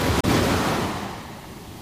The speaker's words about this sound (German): Am Ufer war eine Stelle, wo keine Korallenriffe vor der Küste lagen. Brandung war hier wirklich furchtbar. Und ich erinnere mich nicht, jemals höhere Wellen gesehen zu haben.